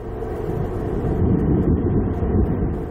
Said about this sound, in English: An explosion during what was supposed to have been a routine test of the rocket's engines. Oh, no. Oh! The rocket, called New Glenn, belonged to the company Blue Origin, owned by the Amazon billionaire Jeff Bezos, who's been to space himself.